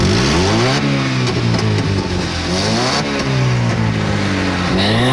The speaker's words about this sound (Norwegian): Men jeg tenker, vi kan ikke snakke om motorer sånn, uten å få litt lyd, så bare her.